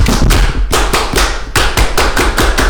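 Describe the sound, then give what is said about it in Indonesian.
A group performs the Indonesian scout clap (tepuk pramuka), a loud, patterned rhythm of sharp strikes in quick bursts, broken by short pauses, during an afternoon National Awakening Day (Hari Kebangkitan Nasional) special. No one speaks. “Sekali lagi dong tepuk pramuka kayak. Tepuk pramuka.”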